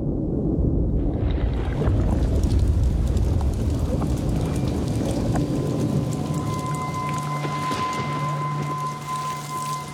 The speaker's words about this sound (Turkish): Şu anda suda olmak istememenizin birçok nedeni var. Başta anakondalar ve soğuk geliyor. Fırtına var ve suyun içindeyim.